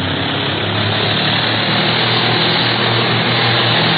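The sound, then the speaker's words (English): A propeller plane's engine roars steadily and loudly, a dense unbroken drone with a low throbbing hum underneath and no voices. “Turn her over and let's head right back in the prop of that pursuit plane.”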